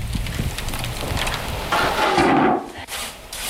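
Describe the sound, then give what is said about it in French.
Bread fresh from the oven crackles in a dense, steady patter of tiny dry pops, interrupted midway by a louder, hissing rustle before the crackling settles again. No one speaks. “le crépitement du pain qui vient de sortir du four.”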